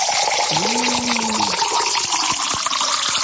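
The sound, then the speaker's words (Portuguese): Spring water is poured into a glass, splashing steadily for a few seconds, fairly loud, with a brief rising gurgling tone as the glass fills. No one speaks. “chegou aquela hora boa de tomar uma aguinha, né? Aquela aguinha da fonte, coisa linda, coisa pura essa água aqui, viu?”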